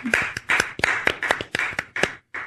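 A short burst of hand clapping, about nine or ten sharp claps in a fairly steady rhythm, close and moderately loud, with a brief gap before the last clap.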